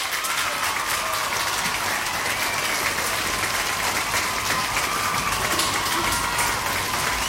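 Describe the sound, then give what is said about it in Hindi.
A steady burst of applause from a crowd, played for listeners who gave the right answer, dense clapping that stays loud and even for several seconds with no voices over it. “तो सबने बिल्कुल सही जवाब दिया है भाई, तो यहाँ पे बजेगी आपके लिए तालियां।”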